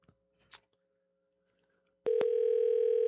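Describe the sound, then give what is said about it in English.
A few soft clicks, then a loud, steady telephone ring tone of an outgoing call to Hang 'em High Gutters cuts in and holds unbroken for just over a second while waiting for an answer. “One ringy dingy.”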